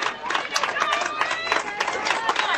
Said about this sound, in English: A lot of applause from the Warrior faithful, all of which are seated behind me and to my right.